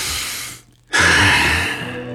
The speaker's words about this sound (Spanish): Me encanta ese sonido de respiración en la canción justo cuando comienza lo bueno.